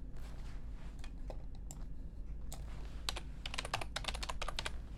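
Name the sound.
computer keyboard clicks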